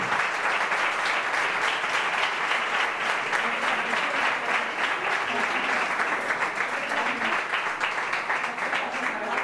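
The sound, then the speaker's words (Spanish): Steady, dense applause from an audience at an award ceremony, welcoming the next honoree, a continuous crackle of many hands clapping at an even loudness for the whole stretch, with no voices standing out. “Nuria, aplaudimos, claro.”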